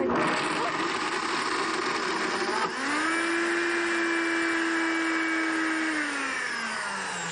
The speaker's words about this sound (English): So she's gonna blend those garbanzo beans, and so the blender will just mush them up.